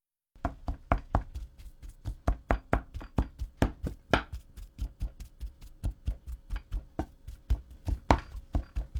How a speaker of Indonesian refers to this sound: Setelah itu, masukkan lagi potongan ubi ke dalam panci dan haluskan ubi selagi masih panas.